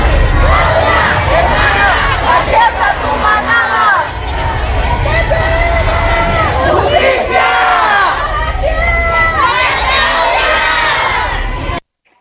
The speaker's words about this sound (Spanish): Cuernavaca, en donde nos encontramos en estos momentos. Ya se encuentran, Carlos, aquí precisamente este grupo de estudiantes haciendo reclamos. Si me lo permites, vamos a escuchar parte de los reclamos que hacían en esta marcha hace unos instantes.